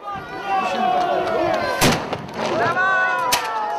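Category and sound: impact, small brass cannon firing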